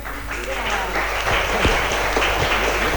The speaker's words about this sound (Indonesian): Mana tepuk tangannya? Semangat, semangat. Ulangi lagi.